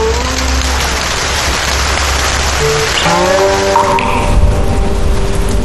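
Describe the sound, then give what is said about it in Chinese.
Steady, dense rain patters and hisses across surfaces in the mountains throughout, loud, with sustained tonal notes drifting over it; no one speaks. “雨声滴答，是古琴师指尖划过的梵音。”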